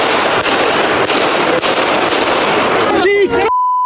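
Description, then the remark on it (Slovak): Five sharp pistol shots crack out at roughly half-second intervals over a dense, noisy crowd in Handlová, Slovakia, on 15 May, as Prime Minister Robert Fico greets people after a government meeting, followed by raised voices and then a steady high beep. “O pár sekúnd je počuť 5 výstrelov z pištole.”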